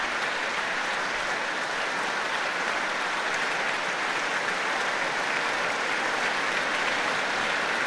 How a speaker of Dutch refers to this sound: Nu voor alle muzici van het Rotterdams Philharmonisch Orkest. Een groot applaus van Daniel Trifonov voor hen.